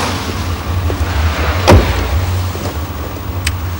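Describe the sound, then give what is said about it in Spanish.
A man gets into a car: a single solid door thud lands midway over a steady low engine rumble, followed by a few faint clicks and rustles inside the cabin. “sube al coche.”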